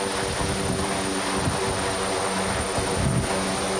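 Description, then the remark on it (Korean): Steady, loud helicopter engine and rotor noise fills the scene, a continuous droning roar with low throbbing tones and no voices, at a heliport where a rescue team arrived in the morning to fly by helicopter to a search site. “구호대는 오늘 아침 일찌감치 이곳 헬기장에 도착했습니다.”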